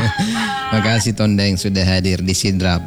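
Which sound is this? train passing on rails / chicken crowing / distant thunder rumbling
chicken crowing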